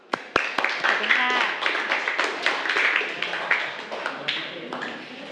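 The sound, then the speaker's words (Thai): A group of students in a math class on exponents claps for a group of classmates who gave correct answers, a dense burst of many quick, overlapping hand claps that swells and continues for several seconds, with some voices mixed in. “ถูกต้องไหมคะถูกต้องนะคะปรบมือให้กับเพื่อนกลุ่มนี้เลยค่ะ”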